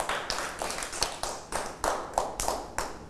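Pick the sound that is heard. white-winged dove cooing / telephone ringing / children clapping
children clapping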